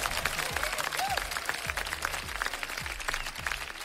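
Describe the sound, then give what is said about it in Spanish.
A crowd applauds to welcome a guest to the microphone, with many overlapping claps forming a dense, even roar that holds its loudness throughout. Low thumps recur underneath at a regular pace. “Démosle un fuerte aplauso a este gran personaje.”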